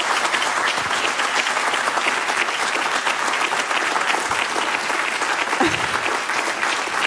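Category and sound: crowd, audience applause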